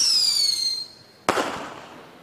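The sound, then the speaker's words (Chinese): A descending high-pitched whistle fades out, then a single loud explosion bursts suddenly and rumbles away over the next second, like a cartoonish sound effect with no voices. “宇宙爆炸了。”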